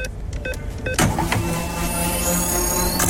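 A 500-euro free fuel card being charged as a sound effect during a Radio Regenbogen programme: a few quick clicks, then a sudden burst into a steady mechanical whir with a faint rising high whine, sustained for about two seconds.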